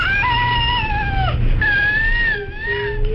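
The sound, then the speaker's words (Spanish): A baby with cri-du-chat syndrome, a genetic alteration caused by loss of part of chromosome 5, cries thinly and very high-pitched, almost like a cat mewing, in a few sustained wavering wails over a low background rumble, with no talking. “Vamos a escuchar el llanto real de un bebé con este síndrome.”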